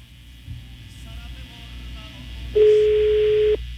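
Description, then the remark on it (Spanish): A single loud, steady telephone ringback tone sounds for about a second over a faint background hum, heard while waiting for an outgoing call to a woman's phone on Calle Río Grande, San Ángel Norte, to be answered. “Ahí está sonando el teléfono”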